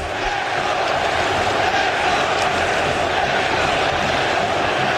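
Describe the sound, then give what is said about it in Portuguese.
A large stadium crowd of Cruzeiro football fans roars and chants the name of the player Wesley in unison, a dense, sustained wall of voices at steady loudness throughout, with no single speaker standing out. “Gritando o nome do Wesley, que acabou de chegar e já chegou marcando um golaço.”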